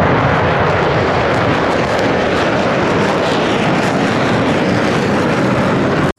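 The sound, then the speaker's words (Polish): An F-35 fifth-generation fighter jet's engine roars loudly and steadily, a dense, rumbling blast that holds for about six seconds before cutting off abruptly. No voices are heard. “Samolot piątej generacji, pierwszy na wschodniej flance.”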